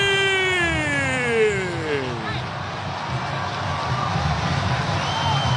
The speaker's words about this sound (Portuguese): Rony carimbou o poste, a galera aplaude o Rony, hein? Geralmente ele mete pra fora, quando acerta a trave é pra aplaudir mesmo, hein?